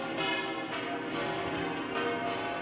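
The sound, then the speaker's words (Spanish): Church bells peal continuously by the Royal Palace and the Almudena in Madrid, Spain, their overlapping metallic tones ringing out densely and steadily at a fairly strong level, with no voices heard. “Las campanas siguen y siguen repicando, lo que añade un punto de emoción a este momento tan esperado por muchos aquí en el Palacio Real.”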